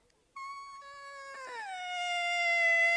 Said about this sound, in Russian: Почему ребенок плачет?